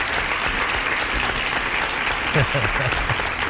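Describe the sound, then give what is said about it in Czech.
Steady, dense applause from many hands clapping at once, loud and continuous throughout, with faint voices murmuring underneath. “ano, tchýně, jasně, tleskám.”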